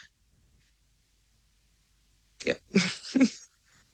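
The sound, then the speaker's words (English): A sudden sneeze breaks a stretch of near silence, an explosive, breathy burst with a quick follow-up gasp, fairly loud, with no one talking. “Bless you, sis”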